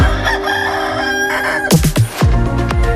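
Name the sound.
rooster crowing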